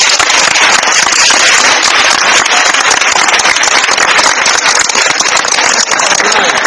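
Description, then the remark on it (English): During a civic education class, a group claps together in sustained, dense applause, a loud, crackling wash of many overlapping hand claps that holds steady for several seconds without pause. “A round of applause.”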